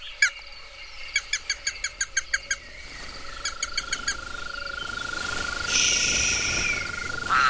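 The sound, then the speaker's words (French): Toads croak at dusk in repeated rhythmic bursts of sharp pulses over a steady high insect-like drone and soft ambient night noise; no one speaks. “Regarde, les crapauds sortent de”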